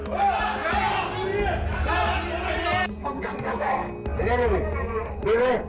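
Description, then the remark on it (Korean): An audience shouts over one another loudly and continuously from the seats, angry yelling, swearing and protest overlapping, with no single voice standing out. “이런 발언들 이후 객석에서는 고성과 욕설 항의가 터져나왔습니다.”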